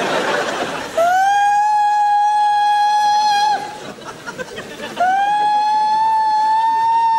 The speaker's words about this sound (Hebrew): מה קרה? צפירה, צפירה.